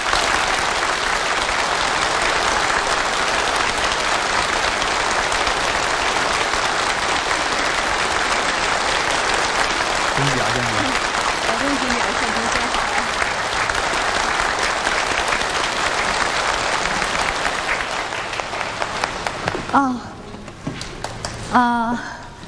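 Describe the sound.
A crowd breaks into warm, sustained applause, dense steady clapping lasting about twenty seconds, with a few voices faintly audible beneath it before the clapping thins out at the end.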